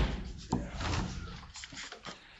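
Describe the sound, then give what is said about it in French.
A push door in a kitchen is punched open with a fist: one sharp, loud bang near the start, followed by a few softer knocks and rattles as it settles, over a low, muffled background. “Une porte coup de poing. Ça s'ouvre comme ça, on met un grand coup de poing.”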